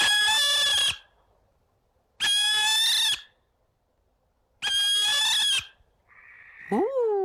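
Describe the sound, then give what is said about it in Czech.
A barn owl calls three times, each a loud, harsh, drawn-out cry of about a second with pauses between, followed by a shorter rising-and-falling call at the end. “Je to 3, 2, 1, sova.”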